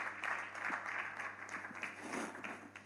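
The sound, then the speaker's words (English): An audience applauds for about three seconds after a conversation, a dense, steady wash of many hands clapping at once, fairly soft in level and with no voices over it. “Another round of applause for this wonderful conversation that we have just heard.”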